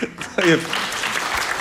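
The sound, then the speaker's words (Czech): A brief voice is quickly drowned out by an audience clapping, a steady, dense crackle of many hands that holds at an even level until the end. “To není na potlesk.”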